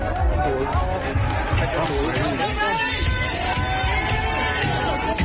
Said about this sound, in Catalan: Això que sentim són persones que estan colpejant portes i finestres de cases de famílies d'immigrants, a més d'intentar també cremar els habitatges.